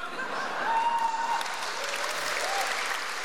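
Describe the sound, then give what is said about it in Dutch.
An audience applauding Dimitri Verhulst after a poetry reading at Dag van de Poëzie 2017, a dense, steady wash of clapping that holds at an even level throughout, with no voices rising above it. “Applaus voor Dimitri Verhulst op de Dag van de Poëzie 2017.”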